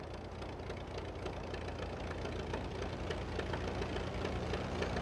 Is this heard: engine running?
yes